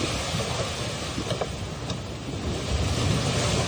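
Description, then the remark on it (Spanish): Stormy sea waves slosh and crash against a boat under way, spilling into it, amid a steady roar of wind, a dense, continuous rumble that swells slightly louder toward the end, with no voices. “Todavía estaban navegando cuando se desató una tormenta tan fuerte que las olas se metían en la barca.”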